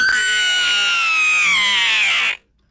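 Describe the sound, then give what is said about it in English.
A man lets out one long, piercing scream, loud, holding a strained high pitch for about two seconds before it cuts off abruptly. No one speaks. “That was a man screaming.”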